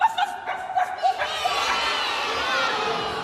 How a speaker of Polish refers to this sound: To wiadomo, ale... Psy! Ale tytuł! Psi! Brawo! Kto powiedział? Psi Patrol. Brawo!